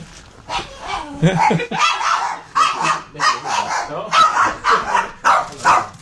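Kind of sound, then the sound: animal, small dog barking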